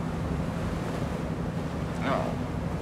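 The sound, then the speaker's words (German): A steady, rushing wash of sea waves mixed with wind noise, with a low droning hum underneath and a brief higher-pitched sound rising out of it near the end. “Naja, immerhin ein bisschen Sonne, Meer.”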